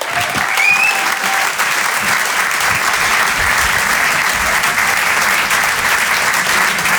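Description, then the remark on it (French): Loud, sustained applause from an audience welcoming a performer to the stage at a comedy show, a dense steady wash of clapping that continues evenly for several seconds, with a brief faint whistle near the start. “On peut l'applaudir très fort lui aussi.”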